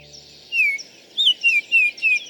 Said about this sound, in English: The flute-like call of the male northern oriole, also known as the Baltimore oriole, announces the arrival of spring in many northern backyards.